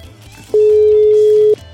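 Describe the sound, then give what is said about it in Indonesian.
A single loud, steady telephone tone rings out for about a second as a phone call fails to connect, over a low murmur of background noise. “aja dah yang nelponin dah. Kagak nyambung-nyambung.”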